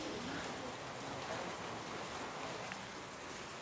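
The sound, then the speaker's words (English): Steady rain falls continuously, a dense, even hiss of drops spread across the whole recording at moderate, unchanging loudness, with no voices. “It's started to rain now, which means it will be another challenging day of rescues for emergency teams.”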